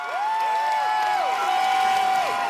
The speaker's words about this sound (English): That gets everyone chanting together again. Ce n'est qu'un début. Continuons le combat. It's just the start. Let's continue the fight.